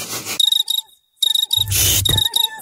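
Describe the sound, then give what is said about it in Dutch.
Crickets chirp in a Citroën car advertisement, in rapid, pulsing bursts, high-pitched, with brief pauses between trills and a low rumbling noise swelling underneath midway through. “In juni kunnen zelfs de krekels niet zwijgen over de Citroën Summer Deals.”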